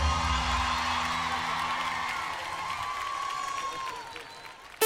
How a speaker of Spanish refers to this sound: ¡Fuertísimo el aplauso! ¡Vamos!